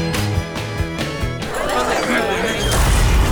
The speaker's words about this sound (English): Seems a rogue space capsule just crashed this party, Jax. And put a real dampener on things, Sarge.